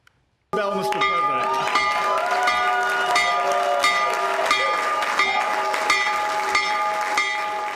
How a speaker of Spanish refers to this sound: Óigame, rodeado de niños en la oficina oval, el presidente Donald Trump tocó simbólicamente la campana de apertura de Wall Street junto a ejecutivos de Wall Street. Mire.